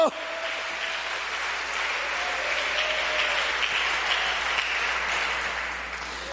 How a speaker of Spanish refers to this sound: Cuando da gloria a Dios, dale fuerte ese aplauso.